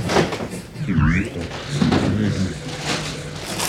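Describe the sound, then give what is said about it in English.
Train doors sliding shut with a brief warning tone and a soft thud, set against busy carriage noise and murmuring voices. “Please stand clear of the closing doors.”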